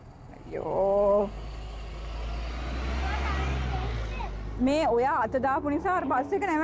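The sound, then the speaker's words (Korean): A large number one bus rumbles in, its deep engine drone swelling and fading as it pulls up at a stop, with a brief high tone early on and voices talking over the end. “넘버원 버스 coming.”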